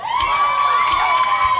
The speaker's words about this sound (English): Cheer loud. Cheer fast. Cheering on the World Cup.